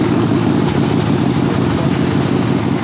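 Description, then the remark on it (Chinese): A motorcycle engine, recently fitted with a new German part, runs steadily, a loud, continuous idling rumble with a rough low drone and no pauses across the whole stretch. “这我这辆摩托车刚换了个德国零件。”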